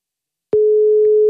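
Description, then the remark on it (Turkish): After half a second of silence, a steady electronic ringing tone of an outgoing telephone call starts abruptly and holds at one pitch until the end, loud and clear, with no voices. “Çalıyor mu telefon?”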